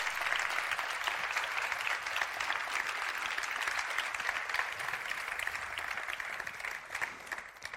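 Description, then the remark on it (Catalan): A large audience applauds steadily, a dense wash of clapping that stays loud and even for several seconds before easing slightly at the end. “Doncs un fort aplaudiment per a ells.”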